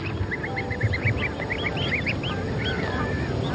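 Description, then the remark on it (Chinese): Greylag geese honk repeatedly in a dense, overlapping chorus, their short nasal calls tumbling over one another at a steady lively pace above a rough, rumbling background. Some adult geese have shed their flight feathers and cannot fly, and a female red fox is eyeing them. “雌性赤狐把目光放在了灰雁身上，一些成年灰雁的飞羽已经脱落，飞不起来了，可想抓住它们并不容易。”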